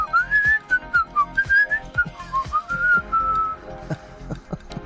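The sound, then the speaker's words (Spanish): A person whistles a warbling, birdlike tune imitating a singing canary, with gliding and sustained notes over a steady background of soft clicks and taps, clear. “Te silbaba lindo el oído.”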